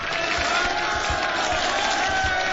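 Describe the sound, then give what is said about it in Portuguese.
A dense, steady roar of crowd noise with cheering and clapping blended together, loud and continuous throughout, with low thumps pulsing underneath. “Merece palmas, hein?”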